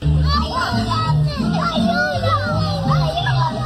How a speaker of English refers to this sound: This is the sounds of two young children screaming for help in Spanish while their mom is arrested and being escorted out of by cops at Disneyland.